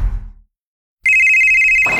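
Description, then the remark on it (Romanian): A brief low rumble fades to silence, then a telephone starts ringing: a loud, high, rapidly trilling ring that holds steady for about a second, with no voices. “Hei, te sună marea.”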